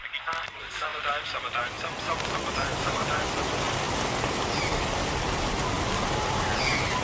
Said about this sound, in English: Windows up, Crescent Swellers. We are road tripping today through the spring rain,